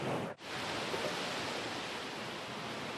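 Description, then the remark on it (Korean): Loud, steady roar of strong Pacific Ocean waves pounding the shore at the coast of Lima, a continuous hissing wash with no distinct separate crashes and a brief dip just after the start. No voices. “파도가 어마무시하게 세차게 치고.”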